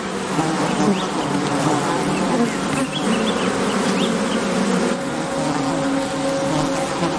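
A dense swarm of honeybees, their hive raided by crested honey buzzards, buzzes continuously and steadily, fairly loud, with overlapping drones and a faint low mechanical hum underneath; no one speaks.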